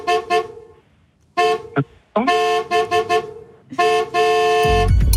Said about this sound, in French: Le klaxon. C'est exactement la réponse que j'attendais. Klaxon.